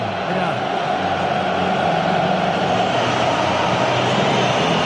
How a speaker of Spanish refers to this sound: Es el turno de ellos ahora. Por eso los silbidos.